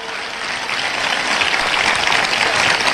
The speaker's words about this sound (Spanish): Vamos a darle ese aplauso fuerte a Dios.